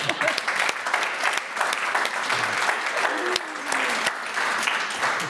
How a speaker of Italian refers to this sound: Cioè, merita un applauso.